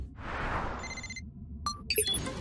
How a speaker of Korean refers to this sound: 슈퍼패트한테서 전화가 온 거야? 맞아, 호기. 슈퍼패트리 이집트 사하라 사막에서 전화를 걸었어.